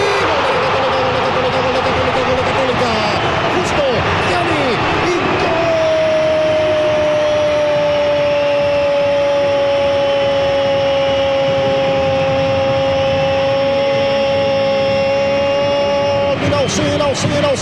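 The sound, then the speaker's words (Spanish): A dense, loud stadium crowd of Universidad Católica (Cruzados) fans roars in celebration after Johan Valencia scores a goal around the 31st minute, while a single voice holds one long, sustained shout over the din for several seconds before the cheering surges again. “Canta, grita, celebra en todos los cruzados.”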